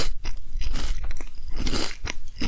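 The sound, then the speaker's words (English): Loud crunching as someone bites into and chews crisp food, with several sharp crackly bursts in quick, uneven succession and no talking. “94.7 The Beat has got into crunches recently. Captain in the morning and Nestle in the evening.”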